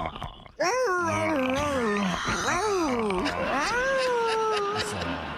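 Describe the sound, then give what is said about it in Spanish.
A person's voice imitates a hurt dog, with a continuous run of loud, wavering whines and yelps that rise and fall in pitch for about five seconds after a brief pause. “antes te quiero morder el cuello y le haces así como perro, como que te duele, ¿ok?”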